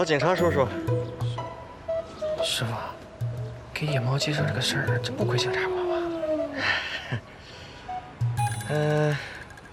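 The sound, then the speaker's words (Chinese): A stray cat living downstairs from a residential building meows repeatedly in drawn-out, rising and falling cries, having been crying for almost a day, mixed in with people talking. “这是我们楼下的流浪猫，叫了快一天了，这么大的肚子，可能是要生小宝宝了，救救它吧！”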